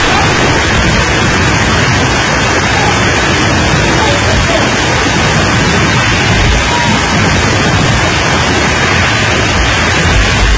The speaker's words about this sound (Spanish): Lo cierto es que sí cayó una buena lluvia. A ver, si quieres, ponme el de la lluvia, que ya lo estábamos escuchando, el de la granizada, más bien. No llovió, granizó.